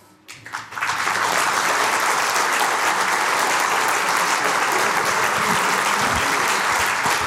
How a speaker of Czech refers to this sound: Děkuju moc za to krásné přivítání, za ten potlesk.